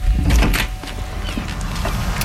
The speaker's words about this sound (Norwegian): Jeg kommer, slapp av. Åpne døra.